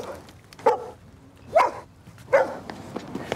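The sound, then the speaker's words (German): A dog barks three times at a steady, unhurried pace, each bark short and fairly loud against a quiet background with no one talking. “Ja, ich habe selbst einen Hund. Wahrscheinlich hat er das gerochen.”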